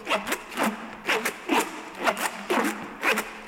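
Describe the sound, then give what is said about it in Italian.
A small stage-prop noisemaker from a show, nicknamed a "ranocchia" (little frog) for its frog-like call, rasps out a steady croak, about seven scraping, ratchety strokes repeating roughly twice per second, moderately loud and with no voices. “Non abbiamo solo cose grandi, abbiamo anche oggetti piccoli, come questi piccoli oggetti, li chiamiamo ranocchie, perché fanno un suono simile al verso di una rana.”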